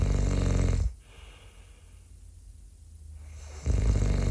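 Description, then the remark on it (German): Loud, rasping snoring: one heavy snore fades out, a quiet breathy pause of a few seconds follows, then another deep, rumbling snore begins. No one speaks. “Ja, sagen Sie mal, hören Sie das auch? Also ich glaube, manche von unseren Zuhörern, die schlafen schon.”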